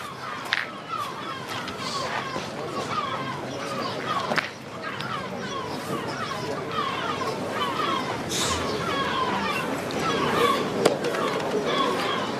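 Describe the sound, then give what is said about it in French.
Seagulls call over and over in a noisy, crowded outdoor setting during a pétanque game, their harsh cries overlapping with steady background chatter throughout. “Dommage qu'il s'égare, peut-être les mouettes.”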